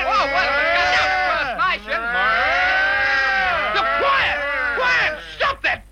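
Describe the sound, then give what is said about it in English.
A man's voice imitates a cow, drawing out long, wavering moos with rich harmonics that swoop up and down in pitch, loud and continuous with only brief breaks. “I can impersonate a cow, sir.”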